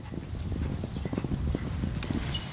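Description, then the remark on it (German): Horse hooves galloping across a meadow: a fast, continuous run of dull, low thudding hoofbeats at a steady loud level, with no one speaking. “Das waren ja bestimmt 20, 30 Stück und wir sind über die Wiese galoppiert.”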